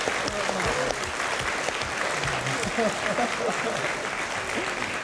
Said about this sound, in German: Ich frage mich immer ab, wofür klatscht das Publikum? Wofür? Was für die Geburt oder für den Unterhalt und so weiter?